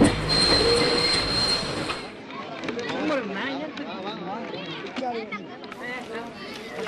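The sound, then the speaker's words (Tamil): A passenger train bound for Mysore rumbles loudly along the rails with a steady high metallic brake squeal for the first couple of seconds as it stops at Kallar, then fades as people talk over the quieter background. “எங்க ட்ரெயின் நின்றுச்சு?”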